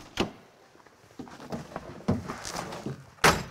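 A side window of a two-tone Samba van, a vehicle with a large folding sunroof and up to 23 windows, is unlatched and propped open: a sharp clunk, then a stretch of small clicks and rattling handling noises, finished by a second loud, hard thunk. No one speaks.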